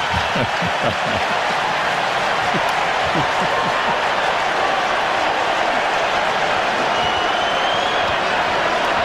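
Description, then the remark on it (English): A baseball crowd at a ballpark cheers in a dense, sustained roar that holds steady and loud for the whole stretch, with scattered claps and shouts blending into a broad wash of noise. “That was exciting for the crowd here.”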